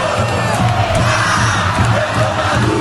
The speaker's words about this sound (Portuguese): O grito de guerra que tomou conta da torcida nesta Copa.